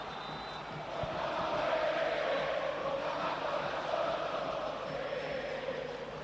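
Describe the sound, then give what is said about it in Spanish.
A huge crowd of River fans at the Monumental stadium roars and chants a war cry in unison during a football match, a dense, sustained wall of voices that swells after the first second and holds steady throughout, with no single speaker standing out. “Esto es un grito de guerra, y es un grito de guerra ineludible, porque muchas veces se ha querido maquillar el reclamo de los hinchas de River.”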